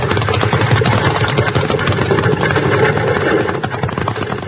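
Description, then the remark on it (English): A runaway horse-drawn wagon, its team of horses driven by a man, rushes by in a loud, steady roar of rattling wheels and clattering hooves that holds for several seconds, with no voices over it. “Get out of the way, Bill! That's a runaway!”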